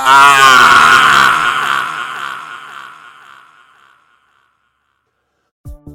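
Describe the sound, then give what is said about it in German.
A man, a shaman, lets out a loud, drawn-out scream of pain as a burning torch is held to his face, trailing off over a few seconds into silence, followed by a brief thump near the end. “Der schmerzerfüllte Schrei weckte mich.”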